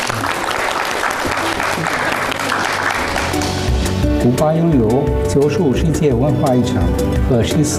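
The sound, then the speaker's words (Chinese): A dense burst of audience applause welcoming the Cuban Ambassador to China in the multi-function hall of Siyuan Hall at Hainan University fills the first few seconds, then thins out and carries on faintly beneath a clear, tonal voice or melody that takes over. “接下来，咱们用最热烈的掌声，有请古巴驻华大使白舍德先生来为我们介绍一下古巴，掌声欢迎。”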